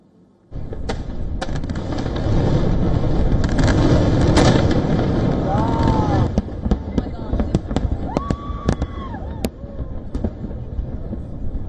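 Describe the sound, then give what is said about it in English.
Fireworks crackle and pop in rapid, overlapping bursts, loud, with sharp bangs scattered through a dense roar and a few whistling rockets rising near the end, lighting the night sky during US Independence Day celebrations. “So, from packed fairgrounds and patriotic gatherings to fireworks lighting up the night sky, millions of Americans pressed ahead with celebrations determined to mark the nation's 250th birthday”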